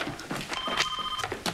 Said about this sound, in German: Hallo. Telefon.